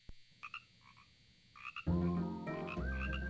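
Frogs croak in quick, chirpy bursts at first, then a louder, fuller chorus of croaking swells in and carries on steadily to the end, with no voices.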